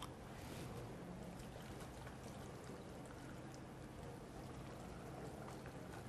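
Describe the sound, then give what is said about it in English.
A steady stream of water pours into a blender jar, a continuous rushing and splashing that holds at an even level for several seconds, with no voices; water is being added toward 2 liters for a recipe, in a blender that holds up to 2 liters. “Next, we're going to add in 2 liters of water.”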